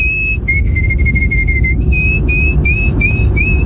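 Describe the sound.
A person whistles a canary imitation: a long steady high tone followed by a series of short rising chirps, bright and clear over a low background rumble, with no talking.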